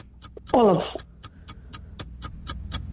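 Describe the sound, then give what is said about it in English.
A steady, fast quiz clock ticking during a timed question round runs through the whole stretch, crisp and evenly spaced, with a short burst of a voice briefly rising over it near the start. “We'll stop the clock there.”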